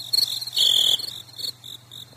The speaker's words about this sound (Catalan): Heu sentit? Guaita, si tenim un grill a l'estudi. Això és perquè també els hi agrada el programa, eh? Els grills també són a veure, els hi agraden les plantes, doncs esclar, els tenim aquí.